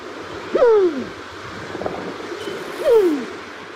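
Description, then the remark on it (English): A New Zealand pigeon (kererū) gives two soft, low, downward-sliding coos a couple of seconds apart, heard over a steady hiss of wind or surf. “The New Zealand Pigeon.”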